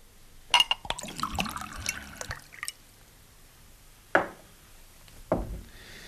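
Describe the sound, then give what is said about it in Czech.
A short pour of a drink into a small glass in a tavern, bright trickling and a few light clinks over about two seconds, then two sharp knocks like the glass or bottle set down on a table. “Ještě skleničku? Ještě jednu.”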